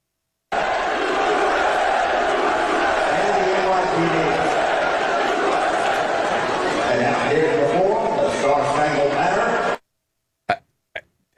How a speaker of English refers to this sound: The headline is Donald Trump booed by the crowd during the anthem prior to game 3 of the NBA Finals. Now, I'm just going to play the clip.